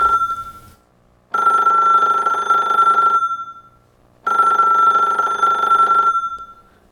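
A telephone rings twice in long, steady electronic bursts, each lasting about two seconds with a pause between, loud, with no voices. It is a listener's call coming in to the live radio show De Gouden Oude Show.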